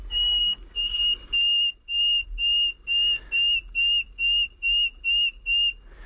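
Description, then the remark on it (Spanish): A common nightingale sings at night, a run of about a dozen pure, high whistled notes, evenly spaced and steady in pitch, over a faint low rumble, with no voices. “el sonido más reputado, más conocido, el más cantado y alabado es la canción del ruiseñor común.”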